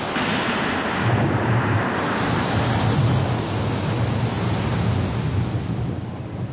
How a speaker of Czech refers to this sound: Příštího jitra se po moři dosud neuklidněném valily pomalé vlny a postrkovaly loď jako rozevřené dlaně obra.